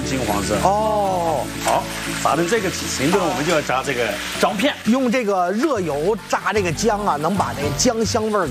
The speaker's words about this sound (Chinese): 哎呦，它就是要有锅气，锅气还原的话，我们就是在锅里面去把它炒，直接要炒一点，炒成金黄色，就是炸成金黄色。